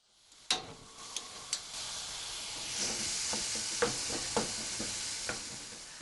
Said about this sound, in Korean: 냄비를 아직 불에 올려놓지 않았지만 냄비 바닥에 예열이 남아 있어 다진 고기의 색깔이 점차 희게 변하는데, 바닥에 붙은 것을 떼어내는 식으로 휘저어가면서 볶아줍니다.